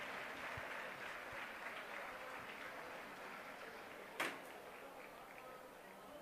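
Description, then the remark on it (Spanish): A crowd of Club Deportivo Leganés fans applauds in a steady, dense ovation for Álvaro Morata, seen in his new shirt with the number 21 at his presentation as a new player; the applause fills the whole stretch, with one sharp knock or bump cutting through near the end. “Ya se ha enterado la afición del Club Deportivo Leganés de esa imagen con Álvaro Morata, con su nueva camiseta, una nueva ovación viéndole con ese dorsal, con el 21.”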